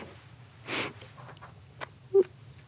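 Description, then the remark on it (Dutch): A person imitates a quick sniff, the way a mother sniffed her child instead of giving kisses: one short breathy inhale through the nose, followed by a faint click and a brief squeaky nasal sound, with no talking. “Mijn mama gaf geen kusjes. Die gaf snufjes. Ja. Die snufte zo.”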